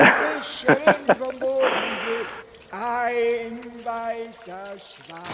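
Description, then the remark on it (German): A short burst of splashing, pouring water sits between stretches of high, sing-song voices that carry on talking and making playful sounds over and around it. “Das ist gerade der Opa, der fährt gerade mit dem Paddelboot um den Herd.”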